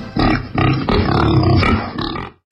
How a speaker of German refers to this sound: Dort, wo das Wildschwein grunzt.